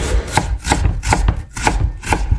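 A knife chops garlic or onion on a cutting board in a steady rhythm, about three crisp, fairly loud thuds per second, with no voices.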